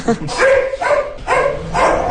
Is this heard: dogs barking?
yes